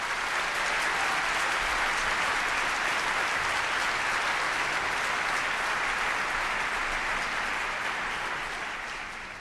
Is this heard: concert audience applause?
yes